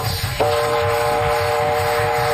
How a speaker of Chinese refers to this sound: 火车来了，快上车！